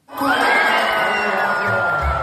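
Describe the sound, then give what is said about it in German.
A crowd at the traditional pole vault meeting in Hof's city centre, Bavaria, erupts under floodlights in loud, sustained cheering and high-pitched shouts as the winning height of 5.82 metres is cleared. The cheering swells quickly and holds steady, with a few low thumps toward the end. “So klingt es, wenn in Hof die Siegerhöhe beim Stabhochsprung-Meeting überquert wird.”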